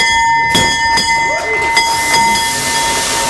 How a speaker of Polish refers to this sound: Giełda w Warszawie co prawda już zamknięta, obroty już zakończone, ale my nie będziemy mówić o kursach, ale o nowym dzwonie, który otwiera sesję po 10 latach na warszawskim parkiecie. Dziś się zawisł właśnie taki nowy dzwon. 3, 2, 1.